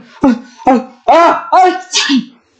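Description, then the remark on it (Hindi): A run of five loud, voiced sneezes in quick succession, each a sharp burst that trails into a breathy, throaty tone, about half a second apart. “अरे राधा, कहीं मेरे छींकने से तुम्हारे चेहरे पर छींटे तो नहीं पड़े?”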